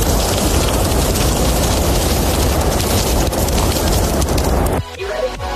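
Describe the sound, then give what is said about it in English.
Sausages sizzling on a barbecue, played as a sizzle-sound quiz on the radio show Beat Breakfast: a loud, steady, dense crackling hiss with rapid fat pops, running for about five seconds before cutting off abruptly to a quieter tail. No one speaks. “Are you ready for your sizzle sound? Can you correctly identify what is on the barbecue?”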